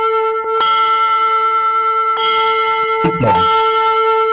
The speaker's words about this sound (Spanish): Que suenen fuerte las campanas.